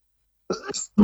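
A rough cough: one raspy, drawn-out burst followed by a short, sharp second one, with no speech around it.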